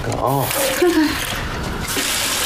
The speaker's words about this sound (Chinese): 漏水了，水龙头。 公司啊， 水管子漏水了。 漏水了。 漏的啊，这多费水啊。